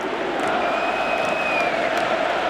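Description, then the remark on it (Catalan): A huge crowd at Camp Nou chants 'independència' (independence) in unison during a football match, around minute 17:14 of the first half. It is a dense, steady roar of thousands of voices with sustained sung tones running through it, loud and unbroken for the whole moment. “Combina amb Eric García, minut 17-14 de la primera meitat i el Camp Nou torna a cridar independència.”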